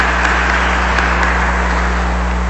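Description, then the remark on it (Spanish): A dense, steady wash of applause from a crowd encouraging newly installed board members to fulfil their responsibilities, many hands clapping at once in a continuous patter, with a low electrical hum underneath and no voices. “Le damos nuevamente un aplauso de animación para que cumplan las responsabilidades.”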